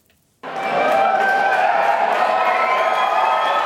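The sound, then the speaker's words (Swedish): A crowd at the no side's election-night party in Reykjavik, Iceland, celebrating the no side's win in a referendum on new EU membership negotiations, bursts into loud, sustained cheering after a brief silence: a dense roar of many voices with whoops and shouts that holds steady throughout. “Det blev till slut nej-sidan som fick jubla.”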